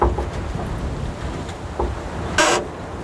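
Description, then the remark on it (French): Wind in a vast wild forest in Slovakia: a steady, low roaring rumble that swells and eases, with one sharp hissing gust rushing through near the end. No voices. “Ambiance dans le vent slovaque, mais ici, vous êtes à l'abri.”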